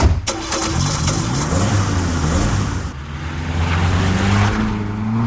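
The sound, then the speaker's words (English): A car engine cranks and catches with a loud start, then revs steadily as the car pulls away to follow a Mercedes, its motor droning and rising in pitch with no one talking. “I'll get our car so we can meet you at wherever he stops.”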